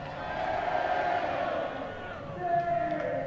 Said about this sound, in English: Crowd is thinned out, but a lot of the 9,118 still here, and they are loud.